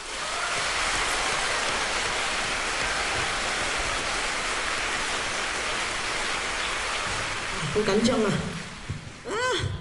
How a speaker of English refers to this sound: And I think for that, we have to give your teachers a round of applause.